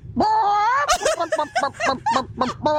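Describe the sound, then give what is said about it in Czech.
A person imitates a hen, opening with a drawn-out vocal note, then a quick run of about eight short, clipped clucks, fairly loud, with no other talking. “slepicu tu umím taky.”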